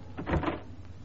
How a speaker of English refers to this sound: A closing door finishes a story.